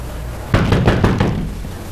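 A quick, even series of about five firm, loud knocks on a door by someone demanding that it be opened, followed by a short pause of quiet room tone with no voices.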